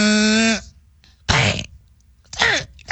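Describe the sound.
A loud hog-calling "sooie" chant: one long, held, wavering whoop followed by two sharp shouted bursts with pauses between, delivered by a single voice.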